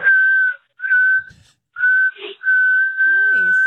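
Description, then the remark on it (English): A person whistles Happy Birthday into the phone on a voicemail, loud and clear, in several sustained notes separated by brief pauses, with a voice briefly murmuring underneath near the end. “That's an impressive whistle.”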